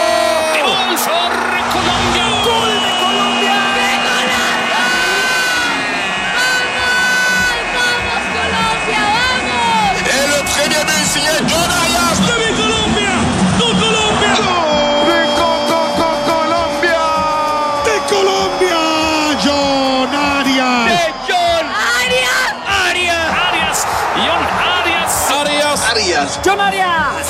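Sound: stadium crowd roaring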